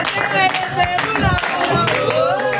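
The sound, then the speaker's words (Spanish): A loud crowd at a press conference claps and cheers, with many overlapping voices shouting over scattered hand claps, sustained throughout the short stretch. “Un gran aplaudiment, moltíssimes gràcies.”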